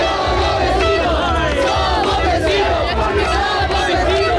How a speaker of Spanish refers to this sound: lo oyen también en el Peñón, noche de celebración, aplausos y claxon.